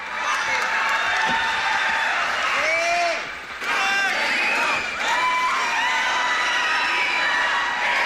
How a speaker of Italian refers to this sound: Grande applauso a voi, Radio Tondo d'Urto, alla band.